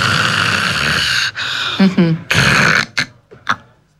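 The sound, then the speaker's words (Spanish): A voice imitates snoring: a long, raspy snore, a brief throaty grunt and a short pause, then a loud gasping breath followed by a few quick, fading huffs, acting out a person who snores, stops breathing (apnea) and breathes again. “Una persona que ronca y hace una apnea y vuelve a respirar, ¿no?”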